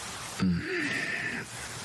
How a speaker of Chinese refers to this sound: 怎么醒了？ 臣妾听见外头下雨了。